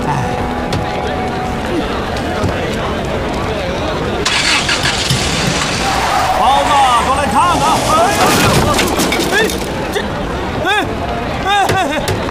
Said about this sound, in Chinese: 轮胎炸了，赶紧换备胎。 是， 啊， 太快了， 这不 危险？ 轮胎炸了，准备换备胎。 你看看， 轮胎炸了。